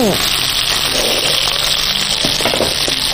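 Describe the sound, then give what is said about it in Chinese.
Chicken sizzles steadily in a frying pan, being pan-fried to about seventy percent done before braising, a loud, dense crackle of hot oil filling the whole stretch, with faint voices murmuring beneath the frying. “基本上煎到七成熟，待会还有一个进行一个烧制。”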